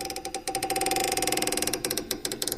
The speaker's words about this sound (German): Das war das Zeichen für die griechischen Krieger. Sie öffneten eine Luke.